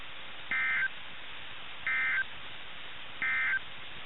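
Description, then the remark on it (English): Three short, identical bursts of buzzy digital data tones from a weekly test of the NOAA All Hazards Radio public warning alarm system, evenly spaced about a second apart, over faint radio hiss with no one talking. “Once again, this has been a weekly test of the NOAA All Hazards Radio Public Warning Alarm System.”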